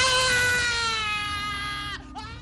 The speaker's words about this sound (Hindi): जले हुए मांस की बदबू और रोगियों की दर्दनाक चीखों से लुई पाश्चर घबरा गए